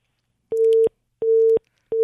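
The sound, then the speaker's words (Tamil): A phone busy tone after a call drops: a steady mid-pitched beep repeating in even on-off pulses, about three in quick succession, loud and alone with no voices. “அவருடைய இணைப்பு துண்டிக்கப்பட்டது ஏதோ ஒரு காரணத்தினால்.”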